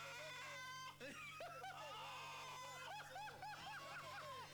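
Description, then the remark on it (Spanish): A rooster squawks in a rapid, frantic series of harsh, rising cries as a cat grabs it by the neck, fairly loud, with hardly a pause over a steady low background hum. “Lo agarró el cogote al gallo, dejá el gallo.”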